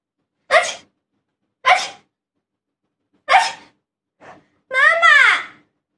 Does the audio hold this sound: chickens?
no